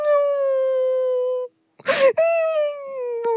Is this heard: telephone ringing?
no